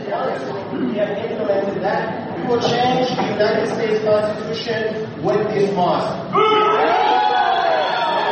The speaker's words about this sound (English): So everyone's booing. So he starts out the speech there going, you know, we're going to change the Constitution. And everybody boos.